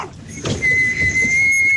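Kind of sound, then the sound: human body sound, person whistling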